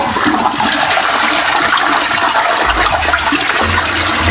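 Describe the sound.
A steady, loud rush of household water, like a toilet flushing, made at home to imitate the wash of sea waves, with a deep low rumble swelling near the end; no voices.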